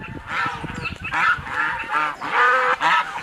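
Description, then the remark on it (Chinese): Zhedong white geese, raised free-range among plum trees, honk loudly in a steady stream of harsh, overlapping calls, several birds crying out one after another with no talking. “全产业链转型第一步实施的就是引进品种优良的浙东白鹅，它肉质细嫩，味道鲜美，前期生长快，对殷红里的发展趋势可谓是锦上添花。”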